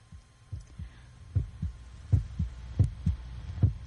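A heavy heartbeat pounds in low, muffled thumps, paired lub-dub beats repeating steadily about every seven tenths of a second, with a faint steady hum underneath and no voices.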